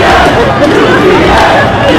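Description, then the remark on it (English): A loud street crowd of Knicks fans on the Upper East Side chants "UPS" together in unison at a UPS truck pulled up at a light, a dense wall of shouting voices with a rough rhythmic pulse that stays steady and intense throughout. “They're chanting UPS.”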